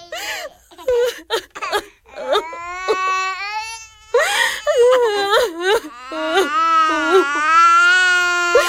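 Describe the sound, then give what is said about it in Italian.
Children wail and sob continuously in long, rising and falling cries with short breaks for breath, loud, with no talking over them, at midnight as their family is forced out of their home. “Niente, non succede niente, bambini. Dobbiamo solo cambiare casa, non piangete.”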